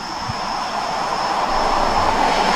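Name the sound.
airplane passing overhead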